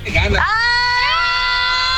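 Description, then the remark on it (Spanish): A Mexican charro grito: one loud human yell that swoops sharply upward, then holds a long, steady, piercing falsetto note for nearly two seconds. “Así que venga, ya nos llegó un audio, vamos a ver si es un grito de charro.”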